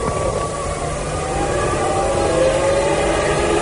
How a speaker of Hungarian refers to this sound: És már szólnak a dudák, már szólnak a dudák.